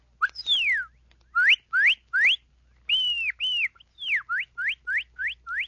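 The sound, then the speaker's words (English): A person whistles an imitation of a cardinal's call: long downward-sweeping slurs, then a run of short rising whistles repeated in a quick, even rhythm, clear with no talking. “The cardinal.”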